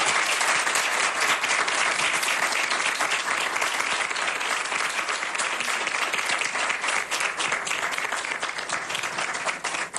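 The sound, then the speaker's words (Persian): Sustained, loud applause from a sizable crowd fills the whole stretch, a dense wash of many hands clapping at once without letting up, continuous, applauding the person who sent a message to the program. “یه پیام از داخل داشتیم و این ارزش داره که همگی یک کف مرتب برای این کسی که این پیام رو به این برنامه فرستاده بزنید، یک تشویق بکنید.”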